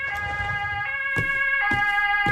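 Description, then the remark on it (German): Emergency sirens from an ambulance and a police car wail together, steady tones with sharp periodic shifts, loud, over a low rumble of traffic. “Sieht ja übel aus. Krankenwagen und Polizei.”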